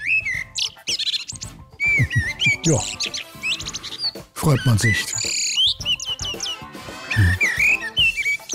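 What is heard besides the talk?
common blackbird song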